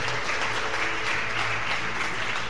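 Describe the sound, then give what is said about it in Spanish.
An audience applauds for Christ steadily, a dense crackle of many hands clapping at an even loudness throughout, with a low sustained hum underneath. “Aplauda para Cristo.”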